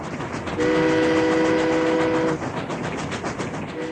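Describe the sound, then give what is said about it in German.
A train rumbles steadily along the rails with rhythmic clacking while its horn sounds one long, loud, steady blast lasting about two seconds, then briefly starts again at the end. “Es gab da eine höchst aufsehenerregende neue Erfindung namens Eisenbahn.”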